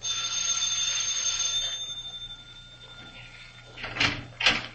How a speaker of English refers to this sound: First, I rang the bell.